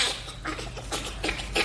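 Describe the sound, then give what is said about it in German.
Bonobo laughter: a short run of breathy, raspy panting pulses, about four in irregular rhythm, fairly quiet against a low background hum, with no talking. “Bei Bonobos wird es laut Studie beweglicher.”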